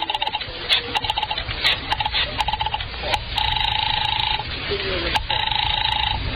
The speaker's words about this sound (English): I remembered there was a phone someplace, too, and I found it and crawled over to it and started dialing my number.